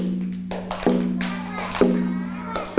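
Slow, evenly spaced taps beat out a steady rhythm, three sharp knocks roughly a second apart, over a sustained low hum with faint background chatter.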